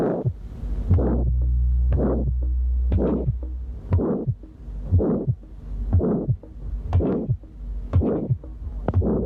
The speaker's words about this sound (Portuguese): na estenose aórtica congénita o segundo som é geralmente normal. O sopro sistólico é áspero em forma de losango, terminando antes de um segundo som normal. O que se ouve no segundo espaço intercostal direito é o seguinte.